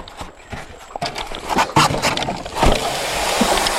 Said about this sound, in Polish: I łódka jest zepchnięta teraz z piasku i płyniemy. Płyniemy do Manicora.